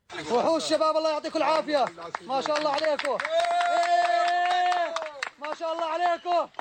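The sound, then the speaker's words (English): Excited voices of a rescue team from Jordan shout and cheer in loud, pitched bursts, with one long sustained yell in the middle before the shouting breaks back into shorter calls, after finding a three-year-old boy alive in the rubble of a collapsed building in Caracas, Venezuela, six days after two earthquakes. “A video shows the team from Jordan cheering after discovering the child who had miraculously survived.”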